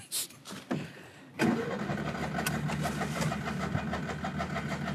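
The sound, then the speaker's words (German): A car engine cranks briefly, then catches and settles into a steady, rumbling idle with a low, even drone and faint rhythmic ticking, no voices present. “Was mir so gut gefällt, ist, dass die Karre die ganze Zeit lief.”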